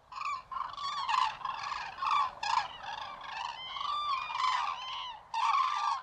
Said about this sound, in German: Der Kranich, der ist auch wieder so ein ganz faszinierender Vogel für sich selbst.